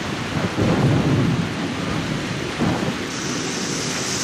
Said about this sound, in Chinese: 呀，那风大的了不得，哎，然后现在又十级风了，又 再下一个小时，这小麦就得给干趴呀。